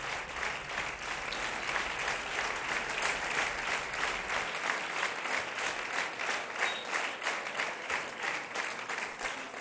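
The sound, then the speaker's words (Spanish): Sustained ovation from a large crowd for Socialist Party secretary general Pedro Sánchez, opening the party's Federal Congress at its central headquarters on Calle Ferraz; a dense, steady roar of clapping that stays loud throughout with a faint rhythmic pulse emerging in the second half. “Como ven, se inicia con aplausos a la figura del secretario general, de Pedro Sánchez, que va a iniciar este Congreso con su intervención, esa ovación cerrada a Pedro Sánchez, con la que se inicia este Congreso Federal.”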